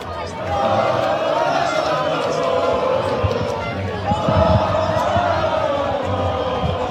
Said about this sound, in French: des cris de joie et des concerts de klaxons sont signalés. Bon, on l'entend en fait, hein, c'est la même chose sur la plage barcelonaise.